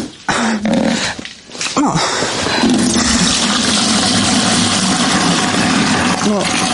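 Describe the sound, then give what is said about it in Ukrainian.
Rainwater pours steadily through a damaged ceiling on the second floor of a house left almost without a roof, where household dishes catch the water: a loud rushing splash with a few brief louder bursts and a lull near the start. “Ловимо воду. Так виглядає другий поверх з штучними стелями.”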